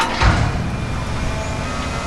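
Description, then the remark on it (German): A steady mechanical roar of street construction on Königsbrücker Straße in Dresden's Neustadt, between Albertplatz and Bischofsweg, where excavating, shovelling and digging out of stones go on, with an excavator-like rumble and a brief clank of digging near the start, continuous and fairly loud, with no voices. “Da wird gebaggert, geschaufelt, es werden Steine ausgehoben.”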